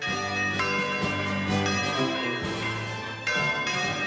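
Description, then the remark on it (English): Several church bells peal together in a continuous, overlapping wash of ringing tones, with fresh strikes every second or so layered over the lingering hum. Loud, with no voices. “Fast forward to the 1940s, and when the victory bells rang out at the end of World War II, the new regime in Paris granted French citizenship to New Caledonia's Kanaks.”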